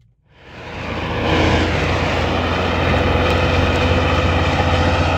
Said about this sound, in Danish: Ja, så skruer vi altså lige op for motorstøjen, fordi hver dag der kører mange lastbiler fyldt med grus igennem Østervrå på en vej, hvor skoler og børnehavebørn i byen også færdes hver dag.